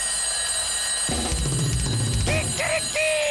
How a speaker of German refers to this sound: jetzt habe ich noch einen Wecker für dich.